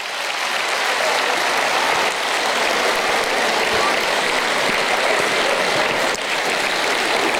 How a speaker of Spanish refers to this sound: ¡Aplauso para la fe!